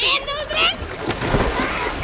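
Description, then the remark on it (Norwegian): Excited shouting gives way to a loud splash as someone jumps into the sea, followed by a second or so of churning, sloshing spray. “Og da det nok en gang på tide å hoppe i havet.”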